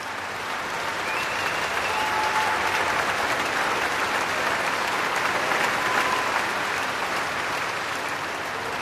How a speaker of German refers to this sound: Solist und Orchester werden hier wirklich gefeiert vom Publikum, das ein ziemlich anderes Musikmenü bekommt als auch schon für Eröffnungskonzerte am Lucerne Festival.